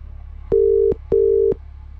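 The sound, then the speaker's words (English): An outgoing phone call rings with a double burst: two short, steady electronic tones in quick succession, clear and fairly loud over a faint low hum, with no one talking. “Who are we ringing?”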